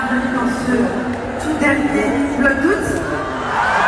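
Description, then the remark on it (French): A huge crowd of 20,000 people at a packed Accor Arena concert roars continuously, cheering YouTuber Léna Situation, with high-pitched screams and shouts rising over a dense wall of cheering that stays loud throughout. “Foule en délire hier soir dans un accord Arena plein à craquer, venu acclamer l'impératrice de YouTube, Léna Situation.”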